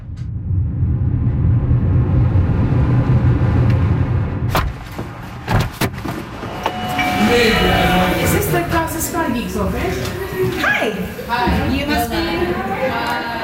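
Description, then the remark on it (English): Steady low rumble of idling vehicles in heavy traffic at Israeli checkpoints in the occupied West Bank, on the way to Ramallah, broken by a few sharp thuds like car doors, then overlapping voices of people talking over the engine noise. “It's always a bit of a struggle nowadays with the Israeli checkpoints, with heavy traffic.”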